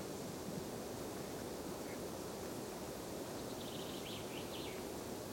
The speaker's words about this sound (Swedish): Ganska tyst här uppe på den långsträckta bergsplatån. Men nu tycker jag ändå att det kommit igång lite fågel och vind.